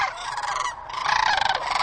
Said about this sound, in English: I search for the perfect bird calls and songs. Not that one.